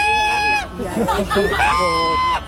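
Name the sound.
goose honking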